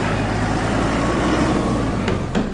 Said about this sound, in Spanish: Por ahí va bajando el vehículo con el joven. Estemos en alerta, comunidad. Cierren, cierren la vía. Ahí viene el carro. Atájenlo.